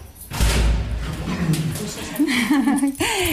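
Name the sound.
door opening and closing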